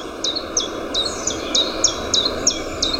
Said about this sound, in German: Das hier war zum Beispiel ein Zilpzalp. Das ist der Name gar nicht so weit weg vom Gesang.